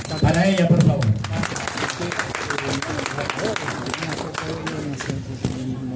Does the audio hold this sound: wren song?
no